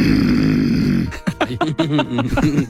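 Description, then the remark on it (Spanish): A person imitates a snore with one loud, rasping, buzzy snort lasting about a second, followed by a burst of voice that sounds like talking or laughter. “Y mucho, mucha gente ronca. Mucha gente. Mujeres sí. Roncan también mucho. Así.”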